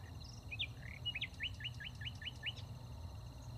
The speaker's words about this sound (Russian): Где-то понад речкой защелкал шальной запоздалый соловей.